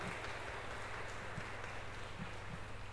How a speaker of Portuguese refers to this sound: Vamos lá, minha gente. Uma bonita salva de palmas para todos aqueles que se põem junto de nós.